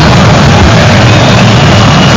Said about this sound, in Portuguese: Cantando a torcida do Galo aqui. Feliz da vida, diante de um barulho ensurdecedor.